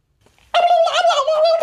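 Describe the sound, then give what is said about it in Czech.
A turkey gobbles loudly in one warbling, rattling burst of about a second, rising abruptly out of near silence. “Ty vole, krocan.”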